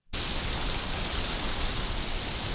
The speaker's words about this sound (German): Ja, haben wir schon lange nicht mehr gehört, oder? Heute ist es aber soweit. Endlich gibt es wieder mal ein bisschen Regen im Land.